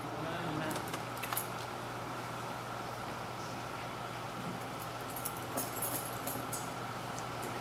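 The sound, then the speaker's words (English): A bunch of building keys jangles in short, bright bursts as they are handed over during a United Methodist church ceremony, once near the start and again later, over a steady low hum with faint murmuring in the background. “take these building keys and this budget and help us to be faithful stewards of God's gifts.”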